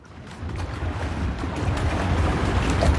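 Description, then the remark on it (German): Water slaps and splashes steadily against the hull of a small, almost silent electric motorboat of the Ruderclub Zürich in the canton of Zurich, running alongside the club's rowers; a continuous washing sound with some wind rumble and no voices. “Hören tut man vor allem die Wellen, die gegen das Boot schlagen, und zwischendurch den Trainer, der Anweisungen gibt.”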